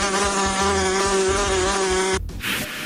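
A wasp buzzes loudly and steadily for about two seconds, a rich droning hum with a slight wavering pitch, then cuts off abruptly, followed by a brief soft rustle.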